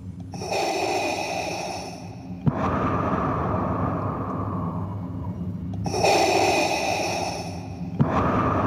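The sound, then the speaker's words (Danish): A voice imitates Darth Vader's heavy, mask-muffled breathing: two slow cycles of a raspy, hissing inhale followed by a long, rushing exhale, loud, with no talking. “Og så kan jeg huske en ting som barn, at første gang, man stifter bekendtskab med Darth Vader, som jo har den her karakteristiske sorte maske på, og den der tunge vejrtrækning.”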